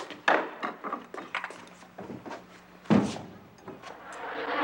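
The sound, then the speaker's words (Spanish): A wooden door being opened, with a series of knocks and rattles and two sharper thumps, one near the start and one about halfway through. “¿me abre la puerta, por favor?”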